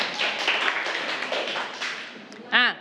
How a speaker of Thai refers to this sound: อันนี้เก่งมากปรบมือให้เพื่อนก่อนกลุ่ม3นะคะ